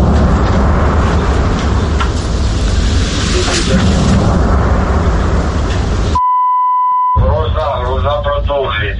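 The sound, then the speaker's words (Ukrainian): Shell blasts fill the first six seconds with a loud, continuous booming roar, then a single steady electronic beep sounds briefly before a voice begins speaking. “Часто лягають подружківки. Знищують просто те, що осталося. Розбивають будинки, вулиці, дороги, все.”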